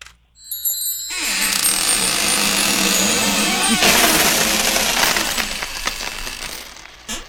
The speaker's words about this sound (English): So let me get my keys out. I'm going to put the key in the lock. Turn the lock.